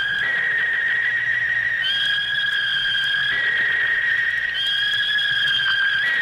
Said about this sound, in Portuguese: Primeiro apito. Opa. Primeiro apito no segundo tempo, Santa Cruz e Brusque 0-0,